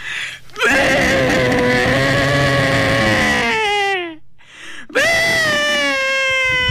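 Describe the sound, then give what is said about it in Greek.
A person loudly imitates the bleat of a white sheep, the call known as the mother's cry: two long, wavering, cry-like bleats, the first trailing off before a brief pause and the second starting abruptly. “Ο ήχος λοιπόν του λευκού προβάτου πάει κάπως έτσι.”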